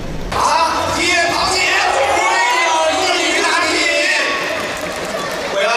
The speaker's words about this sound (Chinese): 今天下午，上海宝山体育馆上演了一场硬核版的钢铁对决，全球人形机器人自由格斗联赛城市巡回挑战赛登陆上海，多台人形机器人拳脚交锋，闪避走位，现场是欢呼不断。